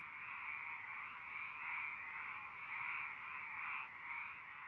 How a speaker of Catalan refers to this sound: Des de notar l'absència del cant de les granotes en alguns indrets urbans